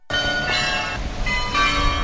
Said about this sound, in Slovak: To, čo počujeme, je zvonkohra, ktorá už patrí ku koloritu Košíc. Už asi 10 rokov každú hodinu počujeme nejakú inú melódiu. Vyberá si jednu zo 100 melódií a obveseluje vlastne hlavnú ulicu.